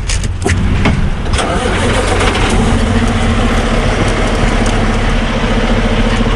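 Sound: trucks on a highway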